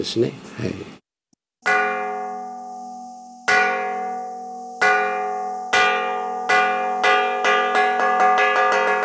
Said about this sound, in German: Ortswechsel zum buddhistischen Tentoku-ji, einem 300 Jahre alten Tempel in der Stadt Akita. Die Gongschläge rufen zum Essen.